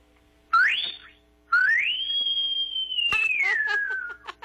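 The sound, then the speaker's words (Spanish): A teacher whistles loudly as a farewell on a radio broadcast on Globo 98.7: a short rising whistle, a pause, then a long sliding whistle that climbs, holds steady and trails down, with faint breathy noise underneath. “Ya despídanos con un chiflido.”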